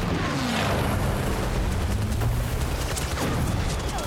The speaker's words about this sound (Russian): Вид сверху на флотилию кораблей. В небе появляются самолеты, атакуют корабли, стреляют. Самолеты стреляют по палубам.